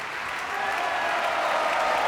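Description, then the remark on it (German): Steady audience applause live at the Vienna State Opera after an opera evening, currently for Asmik Gregorian, a dense wash of many hands clapping at an even, sustained level throughout, with no voices rising above it. “Und während das Publikum weiterhin applaudiert, jetzt gerade für Asmik Gregorian, verabschiede ich mich bei allen Hörerinnen und Hörern nah und fern.”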